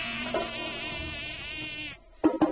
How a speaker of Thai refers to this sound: ตัวน้อยบินฉวัดเฉวียนไปมาใกล้นายพรานแค่เอื้อมแต่พวกเขาก็ทำอะไรยุงเหล่านี้ไม่ได้เลย